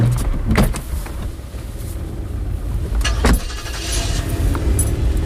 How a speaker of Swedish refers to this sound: Milena bromsar in utanför porten till huset där Sherry bor. Hon väntar i bilen tills hon ser sin vän komma gående.